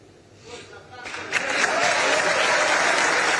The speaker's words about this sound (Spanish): Bueno, el aplauso unánime, muy merecido, por cierto, para la figura de Franco Armani, que es un arquero leyenda.